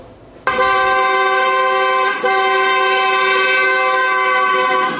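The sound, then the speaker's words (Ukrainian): Car horns blare in a loud, sustained chord, one long blast breaking briefly before a second continuous honk carries on steadily to the end, with no voices, on a Sunday at the central square of Cherkasy, Ukraine, where hundreds of people gather. “Під сигнали автівок уже традиційно щонеділі на центральній площі Черкас збираються сотні людей.”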